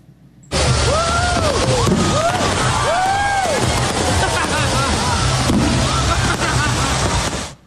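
Loud, continuous fireworks bursting and crackling, with whistling tones sweeping up and down and a crowd shouting and screaming throughout, at a post-game fireworks show in Richmond, Virginia, on a Thursday night, with fireworks shooting directly into the stands and people running for cover.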